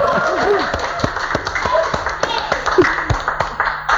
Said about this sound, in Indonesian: Boleh ngasih tepuk tangan.